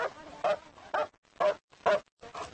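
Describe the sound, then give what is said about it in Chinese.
Brock, a strongly built military patrol dog guarding an army camp against intruders, barks loudly, about six deep, forceful barks in a steady rhythm with short pauses between them. “德国牧羊犬和马利诺犬最适合做巡逻犬，像布洛克这样体格健壮的犬种足以应付多数闯入军营的入侵者。”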